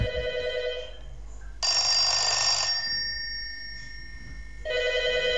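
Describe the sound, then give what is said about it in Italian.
A 1970s SIP rotary telephone with a large ringer rings loudly in bursts, a harsh metallic clatter that stops, resumes in a brighter burst, pauses, then rings again. “Signori, telefono SIP anni 70, suoneria grande.”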